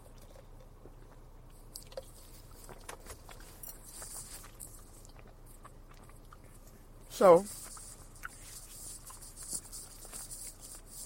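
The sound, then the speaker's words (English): Crunchy chewing of a patty and the rustle of a crinkling snack bag, faint and crackly throughout, with a brief spoken word partway through. “as you hear me chew, a little ASMR for you, a little bag ASMR.”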